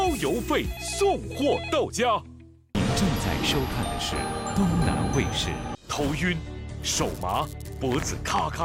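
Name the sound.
telephone ringing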